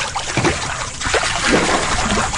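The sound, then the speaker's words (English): Water sloshes and splashes in a warm hot tub as people make waves, a steady churning with small bursts of splatter, moderately loud throughout and no voices. “Waves, yeah, and we can make waves.”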